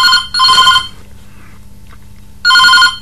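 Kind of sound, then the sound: signal or alarm, telephone ringing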